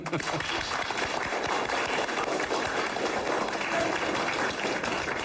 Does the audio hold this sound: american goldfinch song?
no